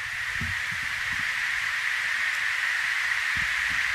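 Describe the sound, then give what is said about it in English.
A steady, unbroken wash of white noise with a brighter hissing band in the upper-mid range, holding an even level throughout, with a few soft low thumps underneath and no voices. “With the white noise, let's all take a seat and prepare for meditation.”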